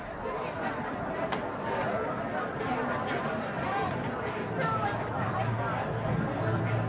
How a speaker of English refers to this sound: Good Saturday night crowd here at Victory Field. The lawn seats are jammed full of blankets.